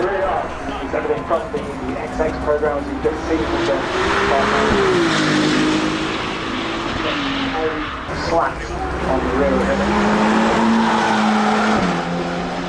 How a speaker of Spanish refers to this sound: Pero primero, por favor, escuchemos más los motores de esta maravillosa marca de Ferrari.